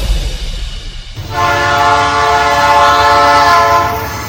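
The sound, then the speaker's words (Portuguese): Low rumbling train noise gives way after a second to a loud, sustained horn blast with stacked harmonic tones that holds steady for several seconds before easing slightly at the end. “O uso de telefone e conversas nestes locais pode tirar a nossa concentração e foco, o que torna difícil ouvir a aproximação do comboio.”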